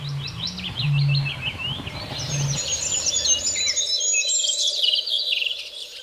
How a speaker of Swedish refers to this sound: Och sen är det en grönfink som sjunger nu också. Ja, just det. Ännu en ny art. Lite ringande. Ja. Eller bräkande nästan. Ja.